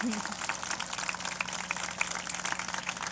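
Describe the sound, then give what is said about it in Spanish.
An audience applauds at a university ceremony, honouring the governing board, former rectors and university council: dense, steady crackling claps at an even, moderate level that run the whole way through, with a faint low hum beneath. “Un fuerte aplauso, claro que sí.”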